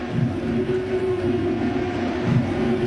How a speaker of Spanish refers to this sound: Empieza a sonar la sirena aquí en el Yankee Stadium. Llamando al ponche.